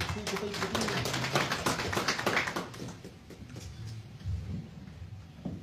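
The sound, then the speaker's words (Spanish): A crowd applauds with dense, crackling claps for about two and a half seconds, welcoming a representative of the Frente Único de Defensa de los Intereses del Distrito de Yusco at a meeting, then the clapping thins and fades while murmuring voices carry on underneath. “a quien recibimos con fuertes aplausos”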